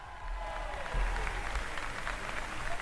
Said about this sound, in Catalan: Escolteu els aplaudiments.